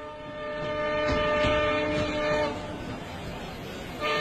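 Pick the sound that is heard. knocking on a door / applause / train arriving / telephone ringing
train arriving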